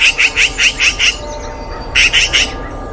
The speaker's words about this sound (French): Tu te promènes tranquillement dans un village et des cris t'interpellent. Tu n'as pourtant rien volé ! Oh, mais c'est une pie !